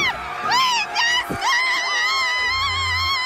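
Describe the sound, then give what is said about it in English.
Loud emergency alarms at a storage facility with a large fire on its roof blare in steady, harmonic tones that sweep and waver in pitch, layered over one another, with a low rumble rising underneath toward the end. “That's a real shelter-in-place noise right there.”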